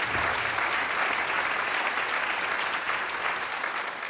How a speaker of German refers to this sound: Also ganz toll, das Münchner Rundfunkorchester ist mit dabei und der Dirigent Oma Ain Zwie ist auch da. Auch noch ein Applaus für ihn. Ja, Applaus, Applaus, Applaus.